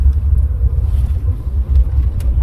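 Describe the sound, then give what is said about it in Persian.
A steady low engine rumble from more than 200 stationary cars waiting in a long queue for fuel, a continuous idling drone with faint traffic noise on top and no one talking. “میکنم هیچی ماشین صف نباشه، حدود 200 تا هستن.”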